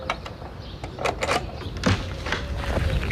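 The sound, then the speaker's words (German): A door is unlocked again and opened: a series of sharp metallic clicks and rattles from the lock and handle, followed by the creak and scrape of the door moving, with no talking. “Oh, warte, ja, ich schließe die Tür wieder auf.”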